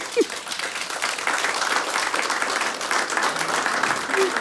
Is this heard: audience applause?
yes